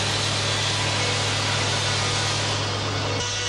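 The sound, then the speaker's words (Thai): A large sawmill saw grinds steadily through logs floated down the Salween River from the north, a dense, continuous rasping roar with a low mechanical hum beneath it that shifts slightly near the end. “ท่อนซุงจะถูกล่องมาตามลำน้ำสารวินจากภาคเหนือเพื่อมาแปรรูปที่โรงเลื่อยแห่งนี้และส่งออกไปประเทศญี่ปุ่นทั้งหมดโดยผู้รับสัมปทานชาวต่างชาติ”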